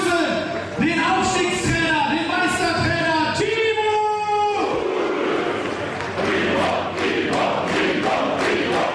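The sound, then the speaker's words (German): A large crowd of fans celebrating a championship title outdoors cheers and chants in unison, loud, with sustained sung voices for the first few seconds giving way to a roaring, noisy swell of shouting and applause. “Draußen bei den euphorisch gestimmten Fans entfachte dann doch einer den größten Jubel beim gemeinsamen Feiern.”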